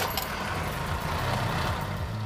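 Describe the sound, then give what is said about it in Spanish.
A Mercedes-Benz W123 car engine runs steadily just after being started with the key, a continuous low rumble with a rough, throaty idle that stays loud throughout, with no voices. “Giras la llave y arranca.”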